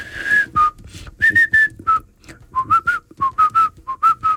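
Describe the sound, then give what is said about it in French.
Someone whistles a lively jazz tune in short, bouncy phrases, the clear tones hopping between pitches with brief pauses, fairly loud with no talking. “Mais commence justement par sa morceau là et commence par siffler lui tellement facile.”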